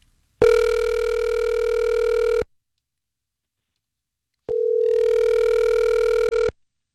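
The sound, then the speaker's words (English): Two long electronic ringback tones from an outgoing phone call placed by a San Francisco radio station, each about two seconds with a pause of silence between, steady and clear with no voices. “Go ahead and mute your phone. Let's give her a shout.”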